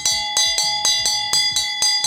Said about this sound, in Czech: A přesně tenhle zvuk, tenhle zvonek uslyšíte ve zdejší čarodějnické škole, mimo jiné samozřejmě.